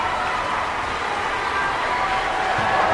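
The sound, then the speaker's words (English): An audience applauds the World Youth Symphony Orchestra at Interlaken Arts Camp as the conductor acknowledges the second violins section, a steady, dense wash of many hands clapping at a constant level throughout, with no voices standing out. “Second violins, oh, they get their own applause separate from the first violins.”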